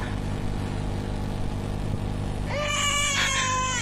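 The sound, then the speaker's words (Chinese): After a stretch of steady low rumbling noise, a newborn baby just delivered inside a felt yurt on the grassland bursts into a loud, sustained wail, its high, wavering cry rising and bending in pitch until the end. “终于，一声嘹亮的啼哭打破了毡房内的平静，孩子青紫的小脸蛋儿也慢慢恢复了颜色。”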